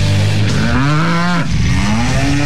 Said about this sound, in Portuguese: Vira vaca. Ô, oh, vaca temosa, hein? Isso. Vira vaca, vira direita.